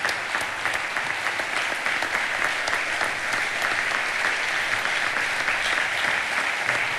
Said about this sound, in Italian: Questo applauso lungo qualcosa significa, grazie.